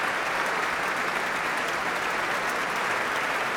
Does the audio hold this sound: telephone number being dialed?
no